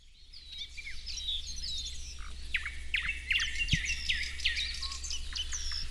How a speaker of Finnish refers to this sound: On täällä hieno aamu. Taivas on vähän harmaa, ja, mutta on lämmintä ja linnut on aika hyvin äänessä. Kyllä, tässä on satakieliä ja rastaita ja harmaasiepot myös äänessä. Parikkalan Siikalahdella siis ollaan.